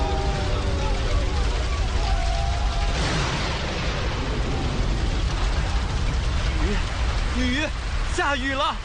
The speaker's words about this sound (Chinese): 雨，下雨了，你们快看，下雨了！下雨了，下雨了！